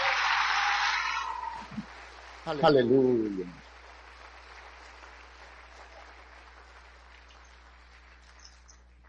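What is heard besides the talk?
audience applause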